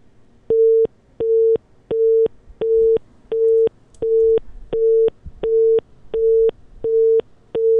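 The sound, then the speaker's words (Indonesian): A steady telephone busy tone pulses on and off in regular beeps, about a dozen short bursts at an even rhythm, clear with no voices, after a phone call with a guest on the road dropped. “Kami mohon maaf sekali pendengar, terputus kembali telepon kami dengan”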